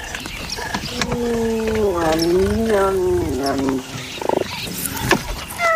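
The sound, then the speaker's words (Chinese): Three cheetahs and a serval meet in the bush and snarl at each other, with a loud, drawn-out wavering growl that rises and falls in pitch, followed by a few short, sharp spitting bursts. “一只叟猫碰上了三只猎豹。”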